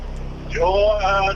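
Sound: car interior driving noise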